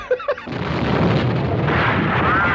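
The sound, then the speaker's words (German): A couple of short, pitched zaps open into a dense, loud roar of blasts and booms, a continuous barrage of spaceship weapons firing from all sides at an approaching monster, with explosions and no voices. “Feuert auf alles, was sich bewegt!”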